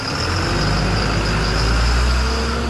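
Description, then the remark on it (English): A diesel school bus engine idles, a steady low rumble with a constant droning hum that holds level and fills the whole stretch without pause. “About 9 out of 10 run on diesel fuel, like this one.”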